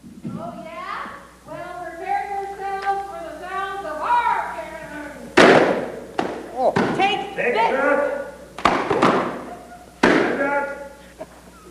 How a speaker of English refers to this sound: Both sides fought hard as balloons were popped. I mean, cannons were fired night and day.